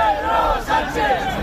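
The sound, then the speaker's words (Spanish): A large crowd at the 12 October parade in central Madrid boos and shouts insults at Spanish Prime Minister Pedro Sánchez, a dense, loud wall of jeering voices with rising and falling chants, continuous throughout. “Abucheos estos insultos contra Pedro Sánchez”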